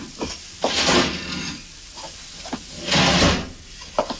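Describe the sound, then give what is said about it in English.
The left-hand drawer of a desk slides open with a rough wooden scrape and a knock as mug shots are fetched from it, then after a short pause slides shut again, with a few small clicks and handling sounds around it. No talking. “hand me those mug shots of Charlie, left hand drawer.”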